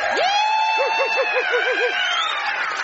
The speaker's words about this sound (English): Hello, football crowd.